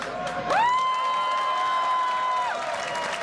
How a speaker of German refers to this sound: Kräftigen Applaus.